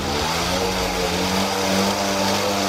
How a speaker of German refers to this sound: Und das gilt auch für Mofa- und Moped-Fans. 30 davon sind heute durch Ostwestfalen gefahren, obwohl es unentwegt geblästert hat. Von Delbrück nach Kirchlengern.